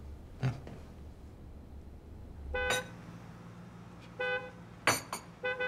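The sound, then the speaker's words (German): A delivery vehicle's horn honks several times in short, uneven bursts over low engine rumble, with a couple of sharper blasts toward the end, as the delivery driver cannot get through past a car. No one speaks. “Schnell, ein Wagen weg von der Lieferant kommt nicht durch.”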